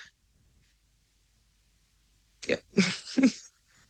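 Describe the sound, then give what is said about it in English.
After a stretch of near silence, someone lets out a sudden, sharp sneeze, a loud burst of quick explosive bursts lasting about a second, with no talking. “Bless you, sis”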